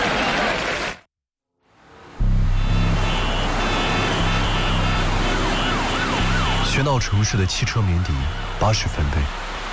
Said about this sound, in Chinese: 喧闹城市的汽车鸣笛，80分贝